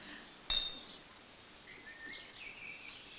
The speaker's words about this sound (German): So, und jetzt müssen wir alle anstoßen, wie damals beim Polterabend.